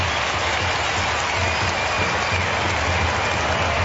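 A big crowd roars and applauds in a steady, dense wash of noise that holds at the same loud level throughout, with no voices standing out.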